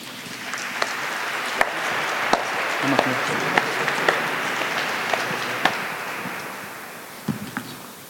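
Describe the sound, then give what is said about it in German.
An audience applauds steadily for several seconds as the guests of a talk show are called to the front, a dense wash of clapping with a few sharper, louder claps popping out above the crowd, no one speaking over it. “Bitte um einen Applaus.”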